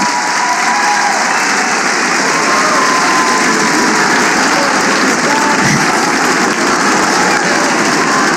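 An audience applauds Bartola, a member of the jury, steadily throughout, a dense, even wash of many hands clapping at a fairly loud level with no voices standing out.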